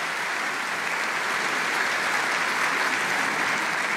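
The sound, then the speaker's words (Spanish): A church audience claps steadily in a warm welcome for newcomers, a dense, even wash of applause that holds at a strong, constant level for the full four seconds without fading. “¿Qué tal si les damos un caluroso aplauso de bienvenida a todos estos hermanos?”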